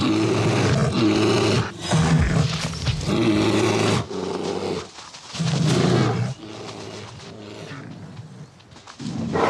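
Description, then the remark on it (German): Loud, deep roars and guttural growls erupt in overlapping bursts as male bears fight each other as rivals over females ready to mate, rising and falling in harsh waves with brief lulls between, no talking. “Erbittert kämpfen die massigen Kraftpakete um paarungsbereite Weibchen.”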